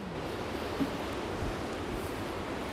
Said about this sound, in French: Bon, là, il y a une dépression qui est en train de passer. Donc, on a du vent, mais ce n'est pas la tempête.